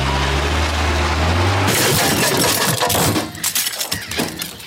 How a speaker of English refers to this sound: Longer than it takes old mate to reverse his jet ski down the Labrador boat ramp.